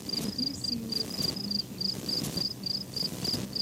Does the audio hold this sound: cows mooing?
no